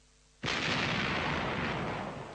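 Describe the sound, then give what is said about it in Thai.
A single sharp gunshot from an M16 rifle with a folding stock, fired by a kneeling woman at a 45-degree angle over a man's head in a forest, cracks out after a brief quiet moment, then a loud, wide reverberating roar rolls through the forest for about two seconds before slowly starting to fade. “เสียงแหลมระเบิดปังสนั่นไปทั้งป่าจนทุกคนสะดุ้ง”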